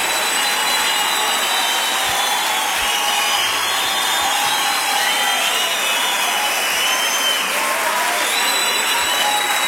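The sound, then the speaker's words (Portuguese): A large church audience applauds the Lord loudly and continuously, a dense, steady roar of many hands clapping that fills the space with no pauses or distinct voices. “aplauda, Senhor.”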